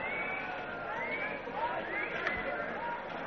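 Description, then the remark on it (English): A dense, steady murmur of many voices talking at once, a busy crowd filling the space with overlapping chatter at a constant moderate level, no single voice standing out. “Vicky has spotted Katerina moving through the crowds.”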